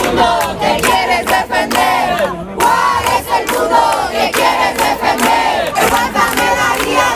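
A crowd of neighbours shouts together in support, many raised voices overlapping in loud, sustained bursts that rise and fall in a rough chanting rhythm.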